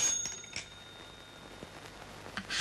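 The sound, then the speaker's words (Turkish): A telephone rings with a bright, bell-like tone that lingers and fades over a couple of seconds, then another brief ring starts at the end. It sounds fairly quiet, with no talking. “Aç bakalım, biraz pratik etmiş olursun.”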